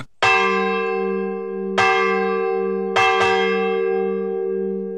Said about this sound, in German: Die Wölbersbacher Glocke, ein Gemeinschaftsprojekt seit 25 Jahren.